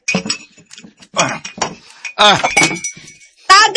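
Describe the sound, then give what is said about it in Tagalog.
A dropped drinking glass clatters down with several bright clinks, its sharp ringing tone hanging for a moment. People talk over and between the clinks. “Tagak ang baso. Waman mabuhak ko, okay na lang.”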